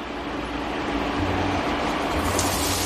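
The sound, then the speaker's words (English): Onions sizzle steadily in hot oil with sizzling cumin seeds, cooking on medium heat until tender and translucent. A dense, hissing crackle spreads across high and low tones and holds at an even, fairly loud level throughout, with no voices. “That's the sound we like.”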